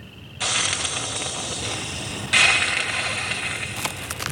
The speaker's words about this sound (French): On dirait qu'elle crache et qu'elle siffle. Nous sommes aux États-Unis, dans une plaine de l'État de Virginie, parsemée de ranchs et de bosquets. Ces cris sont donc certainement les feulements d'un opossum.